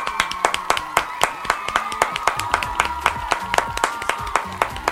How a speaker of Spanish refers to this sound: Aplauso, por favor. Venga, te queremos. Un minuto de aplausos, por favor. Un minuto de aplausos.